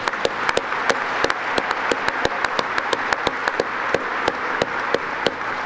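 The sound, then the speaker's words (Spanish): A crowd at an archdiocesan congress in Las Vegas applauds the volunteers steadily, with dense overlapping claps and sharper individual hand slaps popping out irregularly throughout, loud and sustained with no voices. “Sí, un aplauso, un aplauso.”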